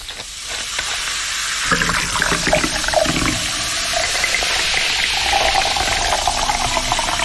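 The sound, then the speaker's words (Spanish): Colombiana soda being poured, a steady stream of liquid with bright fizzing and crackling carbonation that keeps going for several seconds, with no talking. “Así suena colombiana.”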